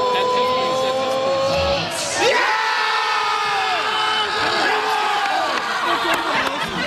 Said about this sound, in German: Später dann noch so viele weitere Jubel, wie hier beim Elfmeter-Tor von Kai Havertz zum Beispiel.